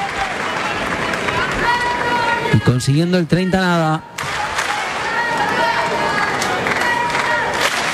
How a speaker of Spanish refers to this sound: Aplausos.